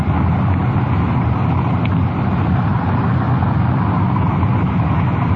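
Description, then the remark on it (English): A car engine drones steadily, a loud continuous low rumble of driving as the car shifts into second gear and begins to slow down, with no clear pause and no voices over it. “Slipper into second gear and begin to slow down.”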